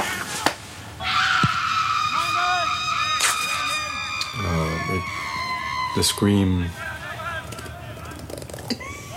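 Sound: scream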